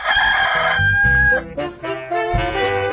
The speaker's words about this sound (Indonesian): Suatu senja saat matahari mulai tenggelam, seekor ayam jantan terbang ke dahan pohon untuk bertengger. Sebelum dia beristirahat, dengan santai, dia mengepakkan sayapnya 3 kali dan berkokok dengan keras sekali.